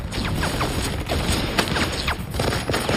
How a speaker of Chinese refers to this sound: MG42 是德国人制造的一种多用途机枪，拥有令人生畏的射速，1分钟1500发子弹，听起来就像布匹撕裂的声音。 MG42 机枪非常的可怕，根本不给你任何的机会。